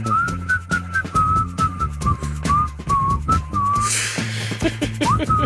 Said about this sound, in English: My wife hates when I whistle. She looks at me, she's like she wants to kill me.